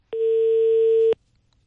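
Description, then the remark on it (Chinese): A single one-second telephone ringback tone on an unanswered call: a steady, fairly loud electronic hum that starts and stops abruptly, followed by near silence with no voices. “哎，电话没人接。”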